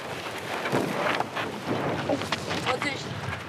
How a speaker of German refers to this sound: Windstärke 4. Zum Windsurfen fast zu schwach.